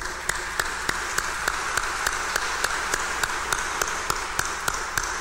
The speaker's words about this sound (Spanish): Vamos a darle un fuerte aplauso.